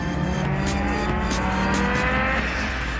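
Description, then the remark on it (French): A powerful 470-horsepower turbocharged rally car, about 30 years old, roars steadily with rising harmonic tones as it accelerates and the turbo kicks in, joined by gritty tire and road noise, loud and continuous for the whole clip with no voices. “Quand le turbo il se met en route, on peut vous dire que les 470 chevaux, ils sont bien là.”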